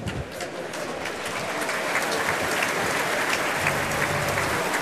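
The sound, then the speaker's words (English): A large audience at the Royal Albert Hall applauds conductor Robert Ames at a BBC Proms prog rock concert with the BBC Concert Orchestra, a dense, even roar of many hands clapping at a sustained loud level with no pauses, building slightly after the first second. “Well, that is applause now for our conductor, Robert Ames.”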